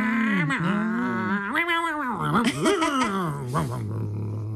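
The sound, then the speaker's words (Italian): A voice imitates a revving car engine, a continuous pitched hum that swoops up and down in several surging bursts before settling into a steady low drone. “Sì, le brum brum, che a volte fanno anche brum brum brum.”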